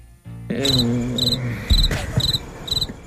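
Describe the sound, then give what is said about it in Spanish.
Crickets chirp in five evenly spaced, high trilling bursts about half a second apart, clear, over a low, steady background hum; the crickets were brought in from the countryside by the show's technician. “Gracias por esos grillos.”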